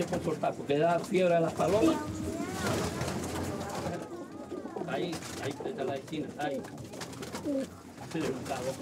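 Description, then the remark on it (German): Several racing pigeons coo steadily in a loft, their overlapping throaty calls rolling on without pause, with faint rustling underneath. “Wenn die so klein ist, dann kann es sein, dass die Taube Fieber hat.”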